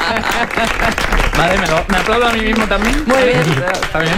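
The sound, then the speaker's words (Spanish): Several people clap their hands in steady applause in a studio that lasts the whole moment, with voices talking and laughing loudly over the clapping. “Vale, me aplaudo a mí mismo también.”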